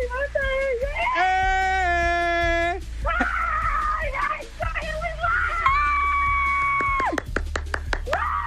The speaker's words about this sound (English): let me hear you scream.